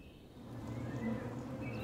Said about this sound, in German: Die Bienen aus der schlanken Buche schicken ihre Kundschafterinnen los, um nach einer Futterquelle zu suchen.